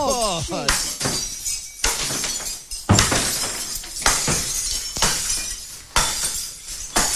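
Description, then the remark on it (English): Repeated loud crashes of ceramic and glass crockery being smashed in a crockery room, each impact followed by scattering shards, coming in quick succession over several seconds, with a brief voice near the start. “Get to the crockery room, mate. There's okay, it's good crockery. I want to hear some smashing in there.”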